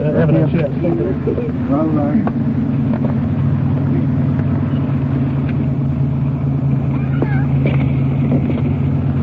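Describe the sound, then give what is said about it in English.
A car engine idles and rumbles steadily, a low continuous drone throughout, while muffled voices murmur briefly near the start, as the car is pulled up against the curb out of the middle of the street during a police arrest. “Why don't you pull it up against the curb and get out of the middle of the street? Getting the car off the street.”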